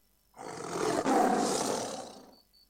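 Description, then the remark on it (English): A single loud tiger roar, full-bodied, swelling quickly and holding for about two seconds before fading out, with no voices present. “Harimau. Harimau. Tiger. Tiger. Namirun. Namirun.”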